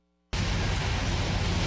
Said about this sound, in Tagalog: Bumuhos man ng malakas na ulan, hindi natinag ang mga estudyante.